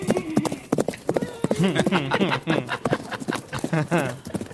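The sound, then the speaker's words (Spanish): Horse hooves clip-clop in a quick, steady rhythm of sharp knocks, with people talking excitedly over the hoofbeats throughout. “Suenan los caballos.”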